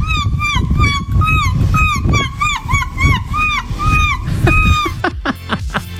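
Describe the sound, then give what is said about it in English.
A woman's voice imitates seagull calls: a rapid, loud series of nasal, arching squawks repeated, ending in a few shorter, harsher cries over faint background rumble. “Let's have a listen to … impersonating seagulls.”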